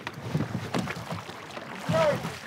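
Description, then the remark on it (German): Oars dip and pull through water in a steady rowing rhythm, rowing a wooden boat, strokes splashing, with a voice calling out between them. “Das Ruder nicht zu tief ins Wasser. Press against the chest. Immer bis zur Brust ziehen.”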